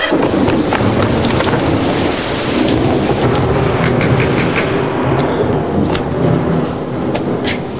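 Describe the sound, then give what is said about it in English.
A loud thunderstorm: heavy rain pours down steadily throughout while deep thunder rolls and rumbles beneath it, continuous, with no voices. “We're looking at damage after the great storm.”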